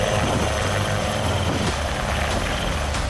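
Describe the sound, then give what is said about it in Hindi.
An army Dhruv helicopter's rotor roars loudly and steadily, a dense, continuous thumping drone with engine whine and no voices, during an exercise where army dogs slither down ropes from 10 to 15 metres high. “सेना के ध्रुव हेलीकॉप्टर से ये डॉग्स 10 से 15 मीटर की ऊंचाई से सफलतापूर्वक स्लिथरिंग कर रहे हैं, यानी जरूरत पड़ने पर हेलीकॉप्टर से रस्सी के सहारे उतरकर तुरंत कार्रवाई कर सकते हैं।”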